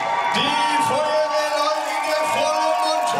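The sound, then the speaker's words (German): A large crowd cheers loudly and continuously, with whoops, yells and shouts rising over a dense wall of voices, as spectators in Mainz greet two firefighters arriving at the marathon finish line after about 3 hours. “Und ihr Lieben, einen riesengroßen Applaus, da kommen sie!”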